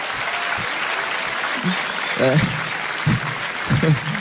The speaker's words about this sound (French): Un gros temps de latence sur ces applaudissements quand même. Hein. Vous applaudissez en IPTV, là, c'est n'importe quoi.